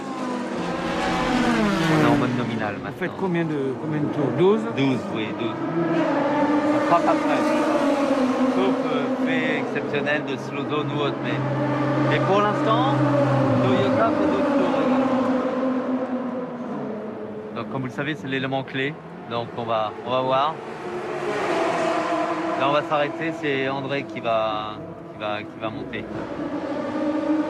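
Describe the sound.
Loud race car engines whine steadily, their pitch climbing and dropping as cars pass, with a voice talking over the roar throughout. In a change for fourth place overall, an Alpine race car goes by Nyck de Vries in the second-placed LMP2 G-Drive car.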